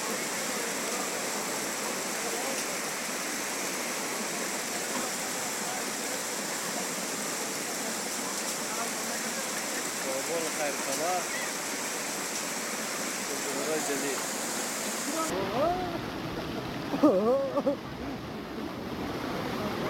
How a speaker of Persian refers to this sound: برخی از مناطق شهر کابل شاهد سرازیر شدن سیلاب ها بوده. ساکنان میگویند که سیلاب ها وارد کوچه و خانه های مردم شده است.